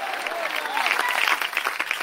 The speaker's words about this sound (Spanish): Dele fuerte ese aplauso al Cristo de la gloria, a su nombre.